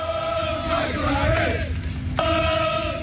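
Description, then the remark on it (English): A large crowd of England World Cup football fans chants loudly in unison at Truist Park during an Atlanta Braves baseball game on July 1st, in support of center fielder Michael Harris, holding sustained, sung notes, breaking off briefly near the end before the chant picks up again. “witnessed the excitement firsthand at the Atlanta Braves game on July 1st, where England World Cup fans showed up at Truist Park after their own team's win downtown and made headlines with their chants in support of center fielder Michael Harris.”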